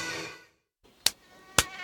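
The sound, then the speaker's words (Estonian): A high-pitched mosquito whine fades out after half a second, then after a brief silence come three sharp slaps against a faint background hiss. “Isegi selle, et sääsed söövad.”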